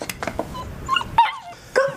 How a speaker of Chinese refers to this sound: 没事，老婆，个儿不大，你别害怕。 好可爱啊，这狗！ 哪来的狗啊？ 流浪狗，我都喂它两天了。